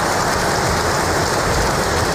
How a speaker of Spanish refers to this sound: Antes de empezar ese discurso, hemos escuchado aplausos al rey Mohamed VI, como hace habitualmente, lo está leyendo.